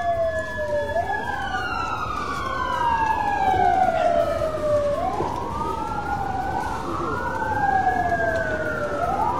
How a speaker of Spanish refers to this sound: sirenas de bomberos a esta hora.